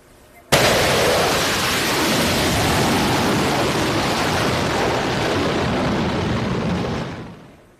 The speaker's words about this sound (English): CNN captured this exclusive video of U.S. fighter jets taking off from the USS Abraham Lincoln in the Arabian Sea. They are carrying out nighttime missions over the Strait of Hormuz.